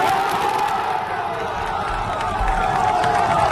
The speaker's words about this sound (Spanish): El aplauso de la afición.